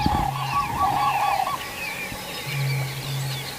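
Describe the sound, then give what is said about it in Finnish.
A common crane gives a loud, bugling trumpet call over the first second and a half, followed by a lower, steady droning call, with faint birdsong chirping throughout. “olipa komeet kurje.”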